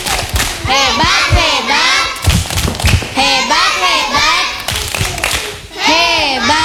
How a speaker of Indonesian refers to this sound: Luar biasa, tepuk hebat.